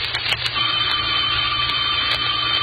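A telephone rings with a steady, unbroken electric trill over a low background hum. No one speaks.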